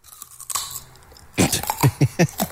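Someone chews a raw carrot with crisp, crunchy bites: one sharp crunch, a short pause, then a quick, steady run of five or six loud crunches with no talking.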